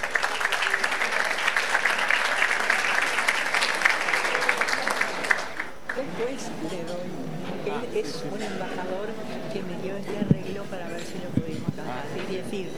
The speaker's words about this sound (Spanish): Ahora sí, señor embajador, con mucho gusto escuchamos su palabra. El aplauso para recibirlo.